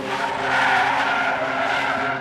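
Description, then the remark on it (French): A car's tires squeal in a sustained, loud skid as it brakes hard to a stop beside a woman walking near Pérols, close to Montpellier, France; the screech lasts about two seconds with no voices. “Elle sortait du tram de Pérol, à proximité de Montpellier, qu'elle allait rejoindre des amis à une soirée, et que sur le chemin à pied, une voiture s'est arrêtée.”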